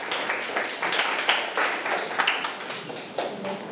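A group of students clapping together for a few seconds, a dense, steady patter of many hands with small peaks and no voices over it.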